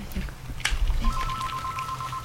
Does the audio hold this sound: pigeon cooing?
no